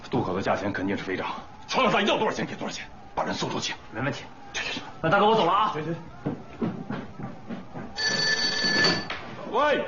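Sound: telephone ringing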